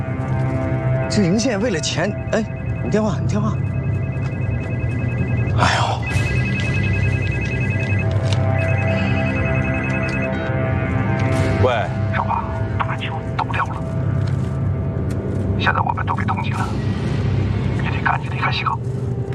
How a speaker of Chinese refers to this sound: 哎，你电话